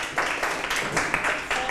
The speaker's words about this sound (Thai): ได้ปรบมือให้